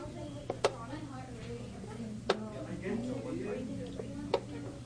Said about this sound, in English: That's a chess timer, or clock. It helps ensure neither player takes too long. If one player runs out of time, it could mean they lose the match.